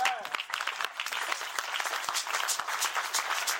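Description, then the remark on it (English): An audience applauds during a sermon in a steady, dense wash of overlapping claps that holds at a fairly loud, even level throughout, with a brief vocal sound at the very start. “You will clap better when I think.”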